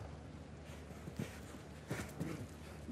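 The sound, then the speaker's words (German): A show-jumping horse's hooves clip-clop at a steady walking rhythm as its rider brings it down to a slower pace after jumping, a few moderately loud hoofbeats standing out over a constant low background hum, with no talking. “So, schauen Sie, er hat sein Pferd durchpariert, nimmt ganz normal den ganz leichten Schwung mit.”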